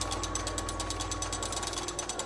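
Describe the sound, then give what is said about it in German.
A hand-cranked mechanical calculating machine runs steadily, giving a fast, even ratcheting clatter of gears and pawls over a low mechanical hum, continuous with no voices; besides the crank's rotation, only four strokes move back and forth inside, transmitting the energy for calculating. “Außer der Drehbewegung der Kurbel gibt es in der Inneren nur die vier Takte, die hin und her gehen und die dann hier in die Maschine die Energie zum Rechnen übertragen.”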